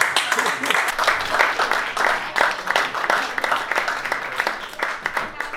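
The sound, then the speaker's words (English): A crowd applauds steadily for several seconds, dense overlapping claps with sharp individual hand-claps standing out, sounding like a moderate-sized audience answering a question from the stage with a round of applause. “Anyone here, by a round of applause, never been with an Indian guy before?”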